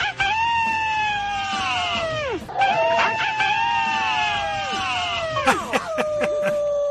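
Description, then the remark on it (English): A human voice howls in two long, sustained wails, each sliding down in pitch at the end, followed by a shorter, sharper cry. The howling is loud and carries alone. “I might give you a howl.”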